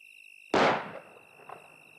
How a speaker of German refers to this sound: War das ein Schuss? Der kam vom Haus.